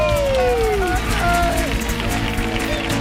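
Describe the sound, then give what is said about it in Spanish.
A crowd applauds loudly and steadily, with dense clapping and rising whistles and cheers over a continuous roar, an ovation welcoming Bienal director Luis Ibarra and Ballet Flamenco de Andalucía director Patricia Guerrero. “Que suene una atronadora y cariñosa ovación para recibir al director de la Bienal, Luis Ibarra, y a la directora del Ballet Flamenco de Andalucía, Patricia Guerrero, por favor.”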